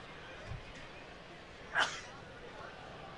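A single sharp, loud sneeze, part of a sneezing fit during a baseball game broadcast, bursts out briefly against a low, steady background murmur, with nothing else standing out before or after it.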